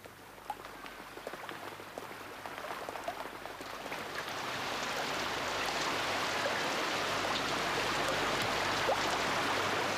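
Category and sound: nature, rain falling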